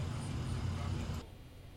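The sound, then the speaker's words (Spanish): Steady low rumble of congested road traffic in the northern zone, with engines idling and droning, then dropping abruptly to a quieter background hum near the end. “Nos mandan videos y nos dice, así luce el tráfico.”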